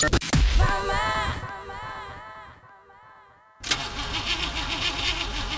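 A car engine strains and whirs as it cranks, sputtering without catching, dies down briefly, then grinds loudly into another rough attempt, with no voices; the car's engine oil has run out.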